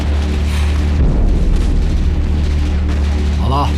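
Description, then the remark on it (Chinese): Gunfire and heavy booms rumble steadily, approaching along the street to the left, a dense battle din that fills the whole stretch, with a brief voice rising over it near the end. “枪声已经接近左边那条街道，等响到你的门前，我们的讨论就没有任何意义，所以你还有5秒的考虑时间。”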